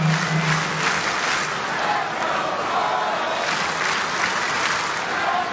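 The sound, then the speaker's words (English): A large baseball stadium crowd on a Monday night roars and cheers behind the Royals at the first game of a new homestand. A steady, loud wash of noise with scattered clapping and whistles rising and falling for several seconds. “This Monday night crowd trying to get behind their Royals.”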